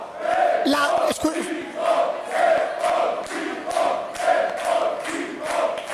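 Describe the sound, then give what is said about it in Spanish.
A crowd of Alcoy football fans shouts proudly of their team in a loud, rhythmic chant, voices rising and falling in steady repeated pulses, with a few sharp claps near the start. “Y ahí están los de Alcoy gritando, orgullosos de su equipo.”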